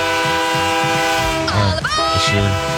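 A train horn blares in a long, steady tone over the rumble of a rolling train, loud, with a brief voice-like sweep partway through.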